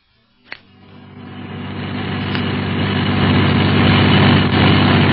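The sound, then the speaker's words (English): A sharp click, then a car engine turns over and runs steadily as the car is driven fast through Casablanca, its low rumble building in loudness and staying strong to the end. No one speaks. “Hey, driver, slow down!”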